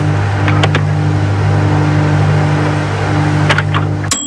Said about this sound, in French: Il y a un pip au début, il y a un ting à la fin. 10 secondes, Annie. Alors, je dirais le micro-ondes.